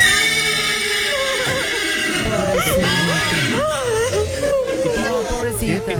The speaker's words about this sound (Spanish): A mí lo que me rompió el corazón, muchachos, fue el relinchido de la yegua, ¿no? Cuando se acercan.